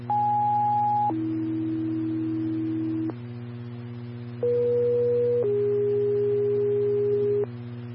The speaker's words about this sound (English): Stand by for tones.